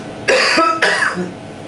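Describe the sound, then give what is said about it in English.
A forceful cough from a woman coughing on request while her stimulation is tested, two strong bursts in quick succession with a harsh, breathy rasp, trailing off into quiet. “Bigger cough.”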